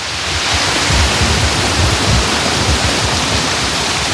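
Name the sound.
artificial waterfall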